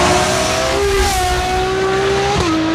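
A Ferrari 12 Cilindri V12 sports car fitted with a Novitec Race Exhaust System revs loudly, holding a steady, high, buzzing roar before the pitch briefly dips and shifts near the end, with no voices.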